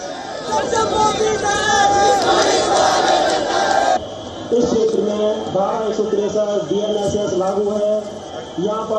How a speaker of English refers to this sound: Earlier, security forces stopped the procession outside the Sansad Marg police station, where tensions escalated as protesters pushed against police barricades.